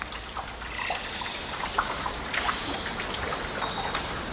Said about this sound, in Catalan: De les copes dels arbres cau una estranya pluja que és una combinació de fulles i gotes d'aigua condensada i també fruits descartats dels ocells que busquen aliment.